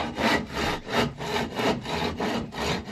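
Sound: hand saw sawing wood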